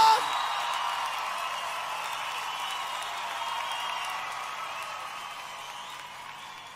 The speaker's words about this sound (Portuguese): Quem gosta desses homens, levantem as suas mãos e batam palmas.